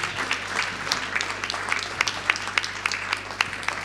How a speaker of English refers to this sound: So, round of applause for the kids to motivate them in the beginning. Tak, velký potlesk pro děti, abychom je namotivovali.